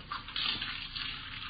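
Steady tap water runs continuously into a sink, a broad hissing splash with slight fluctuations as dishes are rinsed under the stream, moderately loud, with no voices.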